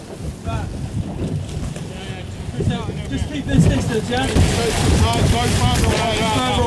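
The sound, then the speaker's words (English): A small boat chugs along about 3 miles out at sea toward an anchored Russian shadow tanker vessel apprehended by the Royal Navy, with wind buffeting the microphone and waves splashing around it; muffled voices talk intermittently beneath the steady, loud rush. “Well, this is out at sea and as close as we can get to this Russian shadow tanker vessel that was apprehended by the Royal Navy in the early hours of Sunday.”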